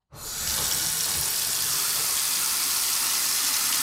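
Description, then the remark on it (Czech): A water tap in a home on Valachův žleb street in the Jižní Svahy housing estate is opened and water immediately gushes out in a steady, hissing stream that runs fairly loud without pause. No one speaks. “Neteče. Ukazuje paní Jana, která bydlí na ulici Valachův žleb na sídlišti Jižní Svahy.”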